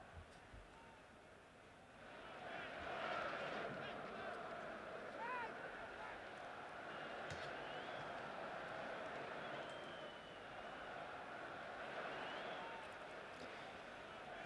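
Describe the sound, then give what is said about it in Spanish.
A large stadium crowd at Wembley Stadium, Thomas Tuchel among them, applauds steadily through a minute of applause held instead of a minute of silence, honouring Kevin Keegan, Mike Bailey, Jimmy Reimer and Bobby Trumbling. The clapping is a dense, continuous wash that swells after a quiet start and holds at an even level, with scattered voices and faint whistles mixed in. “Y el aplauso del fondo de la gente, de Thomas Tuchel también, en este minuto de silencio y con aplausos, Sí, muy bonito.”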